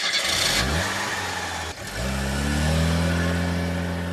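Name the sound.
car driving away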